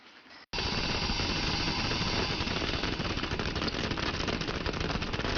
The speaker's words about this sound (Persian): خب تازه شروع به جوشیدن کرده. حالا شعله رو کم می‌کنیم و تایمر رو روی 7 دقیقه تنظیم می‌کنیم.